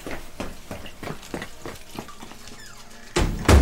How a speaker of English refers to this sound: Oi, did you just shut that door with your foot? No. You did? I didn't, Dad. Not hold me foot, just me toe, that's all.